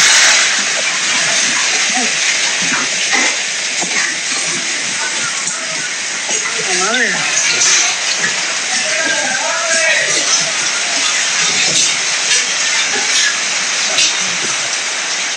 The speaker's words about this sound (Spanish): Eso que tú percibes es el viento quebrando los vidrios de este hotel muy conocido por acá, ubicado sobre el bulevar García Morales.